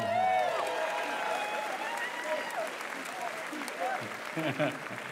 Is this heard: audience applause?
yes